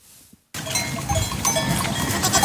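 After a brief quiet moment, Angel's elite goat herd, selected for more than 30 years at the foothills of Stara Planina in Bulgaria, suddenly fills the scene with a dense, continuous jumble of clinking bells and shuffling animals, fairly loud, with no one speaking.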